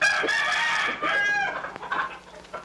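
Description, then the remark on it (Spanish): A rooster crows loudly in a long, strained, harmonic call lasting over a second, followed by a few shorter, choppier squawks as the sound trails off. “A ver, preste, es mi gallo, yo lo puedo.”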